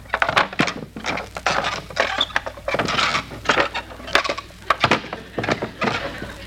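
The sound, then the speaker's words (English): Wooden deck chairs are unfolded on a boat with a busy series of sharp clacks, creaks and rattles, irregular and fairly loud, running for several seconds with no one speaking. “Let's unfold them and sit down.”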